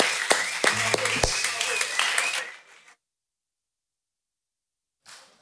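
A crowd applauds with dense, crackling clapping for a couple of seconds, then it fades quickly into silence before a brief burst of noise returns at the end.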